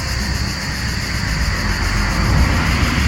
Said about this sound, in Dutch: En iets hiervoor, ik wacht even tot de auto langs rijdt.